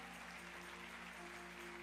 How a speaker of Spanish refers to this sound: Dale fuertes aplausos al Señor.